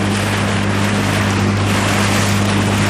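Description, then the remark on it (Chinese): A kayak pushes steadily across the water of Zhari Namco, a lake in Tibet, heading to the lake's central island; a constant low droning hum mixed with loud rushing spray and wind buffeting the microphone, with no voices. “乘坐皮划艇前往湖心岛需要30多分钟。”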